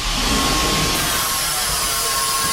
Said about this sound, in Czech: 2,5 metru za sekundu. Taková je rychlost výtahu,